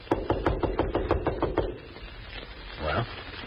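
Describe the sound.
A quick, steady series of about nine firm knocks on a door, fairly loud, followed by a quieter stretch with a faint voice-like murmur.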